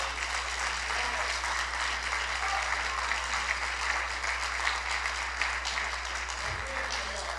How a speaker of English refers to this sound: Now, if you believe that, if you understand that, I need you to clap your hands for God.